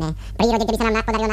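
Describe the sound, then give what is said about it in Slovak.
A short burst of high, chattering babble like a small child's: quick wordless vocal syllables running together, fairly loud, after a brief low hum at the start, voicing Prince Bonifác, a fairy-tale prince who is always babbling. “Princa Bonifáca, ktorý stále džavoce.”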